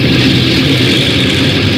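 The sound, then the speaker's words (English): An airplane's port engine 2, a propeller engine, starting up during a takeoff check: a loud, continuous roar that holds steady for the whole moment, with no voices over it. “Port engine 2.”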